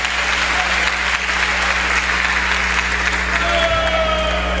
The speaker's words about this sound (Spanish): Den un aplauso a este Dios maravilloso.